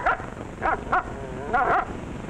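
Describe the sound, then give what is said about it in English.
A dog barks four times in short, uneven bursts, the last bark drawn out slightly longer, heard at moderate volume with no one talking. “So then our canine queen took command of the situation and said, I'll pawn all of my jewels for a set of those new wide-gap Autolite resistor spark plugs.”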